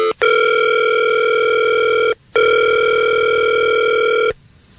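A phone call rings out: two long, steady electronic ringback tones, each about two seconds, separated by a short pause, loud and clear with no talking.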